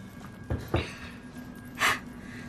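Three heavy, breathy pants come in quick, uneven succession, the last one a longer airy exhale, with no talking.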